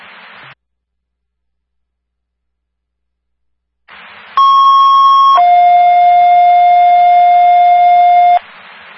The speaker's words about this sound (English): Again, second tone for the Stonington Ambulance for a cold response to number 209 North Water Street, 86-year-old male, general